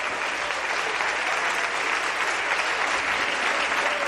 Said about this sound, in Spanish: Denle fuerte ese aplauso a él.